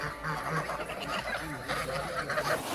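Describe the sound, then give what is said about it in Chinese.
A flock of Landes geese, bred in a forest region at the northern foot of Yishan for foie gras, honks and cackles continuously, many overlapping calls forming a busy, steady din with no pauses. “加之林区地处宜山北麓，与法国朗德地区的气候高度相似，朗德鹅一经引入便在这里实现了成功繁育。”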